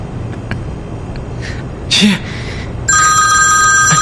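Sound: telephone ringing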